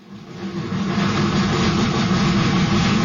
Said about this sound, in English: It began with two chugging steam locomotives, school car number one and school car number two. They were also known as school trains and schools on wheels.